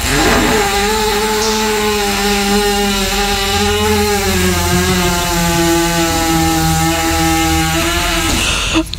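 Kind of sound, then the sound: animal, horse farting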